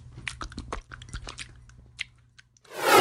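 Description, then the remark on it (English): A dog, Churchill, licks peanut butter Simpill oral gel coming from the top of a device, with quick, irregular wet smacks and slurps over a low steady hum, ending in a sudden loud rushing burst of noise. “Now start licking. What a treat.”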